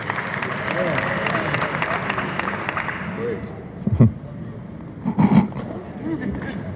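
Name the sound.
audience clapping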